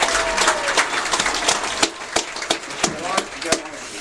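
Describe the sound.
A crowd applauds the 2026 homecoming court nominees, many hands clapping in a dense, continuous patter with a few louder claps standing out, while some voices murmur faintly underneath.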